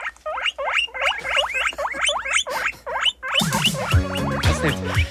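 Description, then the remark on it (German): A guinea pig squeaks over and over, played on Radio Tirol for World Guinea Pig Day: about a dozen quick, high, upward-sliding whistles in a rapid run, then steady tones and a busier layer of sound join beneath the last squeaks. “Es ist heute tatsächlich Welttag der Meerschweinchen.”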